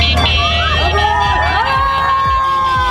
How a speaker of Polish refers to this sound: Jego trasa wiodła m.in. przez województwo łódzkie. W Bełchatowie powitały go tłumy.